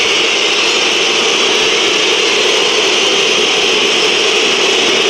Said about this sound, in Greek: Ακούτε τις αποδοκιμασίες μέσα στις οποίες προσπαθεί να αναπτυχθεί η ΛΑΣΚ.